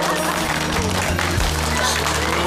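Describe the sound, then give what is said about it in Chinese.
A dense, steady wash of clapping from many guests, who applaud at the host's call, runs the whole time at a loud, even level, with a low tonal hum and murmured voices beneath it. “来，鼓掌！”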